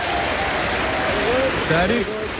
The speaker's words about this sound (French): Yes, it's l'émission numéro 1, Top of the Pops. Un tonnerre d'applaudissements pour notre DJ de la semaine, Jimmy Savile.